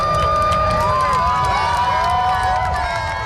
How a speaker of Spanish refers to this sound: Aplausos sonoros que acompañaron o percorrido da lúa sobre o sol, especialmente no comezo da totalidade e a súa fin.